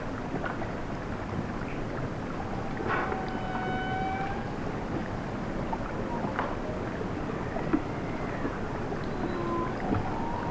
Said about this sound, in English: Some whales wailing. It's a stream by Disco Live.